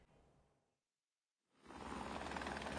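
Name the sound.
helicopter flying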